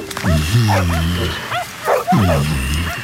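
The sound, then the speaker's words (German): Many dogs in kennels bark and yelp together in a loud chorus, with overlapping bow-wows in two bursts and a few higher-pitched yips between them. “So viele Zwinger und so viele Hunde.”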